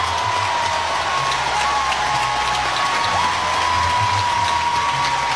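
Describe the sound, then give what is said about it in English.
A large softball stadium crowd of Oklahoma fans cheers and applauds continuously after an RBI double, on their feet chanting OU, a dense, steady roar of clapping and shouting that fills the space at high volume throughout, with a sustained tonal hum running underneath. “This crowd is fired up.”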